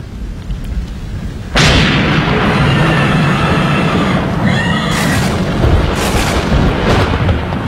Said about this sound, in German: Bündel von Blitzen schossen aus der Wolke unter die erschrockenen Männer. Der Donner grollte ihnen ins Gesicht.